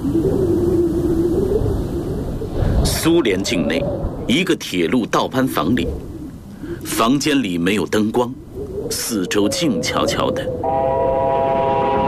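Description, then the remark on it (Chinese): A train horn sounds in the distance from a train loaded with military supplies passing a railway shift house in the Soviet Union, a steady droning tone that rises after a stretch of talking. It is moderately loud and holds for a couple of seconds near the end. “远处突然传来火车的叫声。”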